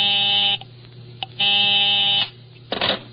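A harsh, buzzy telephone busy signal on a call to someone's home sounds in two steady pulses with a short gap between, followed by a brief clatter as the call ends.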